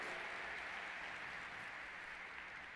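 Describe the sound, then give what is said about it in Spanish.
An audience applauds the Word of God after a scripture reading, a dense wash of many hands clapping at an even level for a few seconds with no voices standing out. “Dale un aplauso a la palabra de Dios, déselo.”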